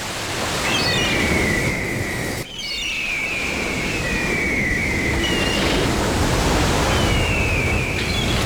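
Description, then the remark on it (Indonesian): Steady roar of ocean surf and afternoon seaside wind at a beach fills the scene, a broad continuous wash, with a few thin bird chirps repeating faintly above it and a brief dip in the middle. “Nyaman, deruman ombak dengan ya, gambaran angin petang tiup, apa ni, sepoi-sepoi bahasa itu.”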